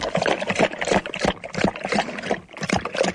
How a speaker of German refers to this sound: Was denn? So klingt das halt, wenn ich trinke.